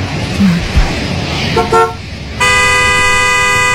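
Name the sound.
car horn honking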